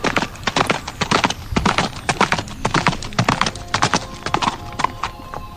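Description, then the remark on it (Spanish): Horse hooves clip-clop in a steady, brisk rhythm, many sharp knocking strikes, fairly loud, with no voices over them. “De hecho, hay quien dice que en las noches más oscuras todavía se escuchan esos cascos.”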